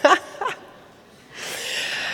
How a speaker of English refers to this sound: And I think especially in concert halls, a great way to observe that is what we've heard a bit of here tonight, is coughing. Right?